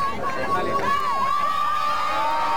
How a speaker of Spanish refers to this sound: Mucha alegría, vítores a León XIV, aplausos, mucha emoción.